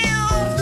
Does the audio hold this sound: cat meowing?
yes